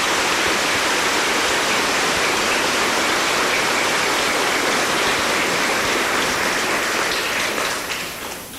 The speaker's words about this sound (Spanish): Hoy en el Día de la Madre. Pido un aplauso para todas las madres hoy acá presentes.